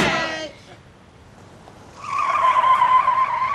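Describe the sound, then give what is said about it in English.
A car's tires squeal sharply in a short burst, then after a brief lull break into a long, sustained screech as the vehicle tears away, loud. “Hey, get in the car, Sparky. The rest of you guys go up the street.”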